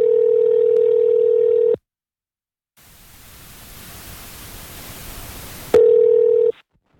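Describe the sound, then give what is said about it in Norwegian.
A steady electronic telephone tone sounds for under two seconds, then a pause and about three seconds of loud hissing static before the tone returns briefly, as a call is placed to a woman living in the USA. No one speaks. “Og skulle vært moro fått en prat med henne på telefon.”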